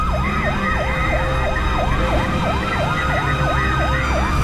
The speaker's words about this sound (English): Out of nowhere, the ambulance came. Oh, it was like incredible. I couldn't believe it.